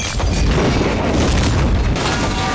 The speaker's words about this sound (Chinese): 这个炸弹只是一个警告，是警告你他能接近你。